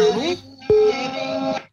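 A telephone rings with short electronic tones, fairly loud, over a brief stretch of muffled background sound.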